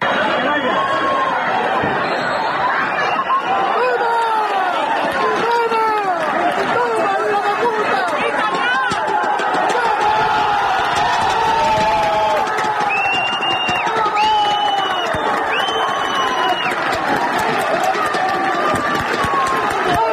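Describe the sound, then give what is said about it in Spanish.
A football stadium crowd roars and cheers at the final whistle of Calvo Sotelo 1, La Solana 0, as the Puertollano team wins promotion to Segunda RFEF as Tercera División group 18 champions: a dense, loud wash of many overlapping voices shouting and chanting without letup. “Porque así sonaban las gradas del pitido final del Calvo Sotelo 1, la Solana 0, con el que el equipo de fútbol de Puerto Llano ascendía ayer a eso de las 8 de la tarde a segunda ref, tras proclamarse campeón del grupo 18 de tercera división.”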